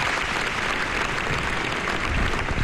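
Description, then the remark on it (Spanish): Steady, sustained applause from a large crowd in Pamplona Cathedral, Navarra, welcoming families at a funeral for five Policía Foral officers killed in a traffic accident; a dense wash of clapping at an even, moderately loud level with no speech over it. “La Catedral de Pamplona acogía ayer un emotivo funeral donde las familias fueron acogidas entre aplausos.”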